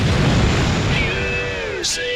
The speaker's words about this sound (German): Explosion.